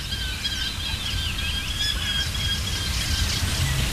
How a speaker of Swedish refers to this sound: Lärkfalken håller låda här från tåken.